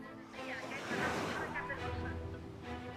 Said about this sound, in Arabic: ارتفاع للأمواج منذ صباح اليوم بعد إعلان وزارة الطوارئ وإدارة الكوارث عن حالة اضطراب في البحر، يعني بدأت هذه منذ ساعات الفجر، وارتفاع للأمواج من نصف متر حتى متر تقريبا مع اشتداد سرعة الرياح، يعني تقريبا فوق 30 كيلومتر في الساعة.